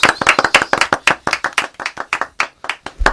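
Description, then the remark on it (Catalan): A small group claps steadily, a brisk run of sharp, overlapping hand claps that keeps an even pace for a few seconds with no one speaking. “S'aplaudir, si voleu.”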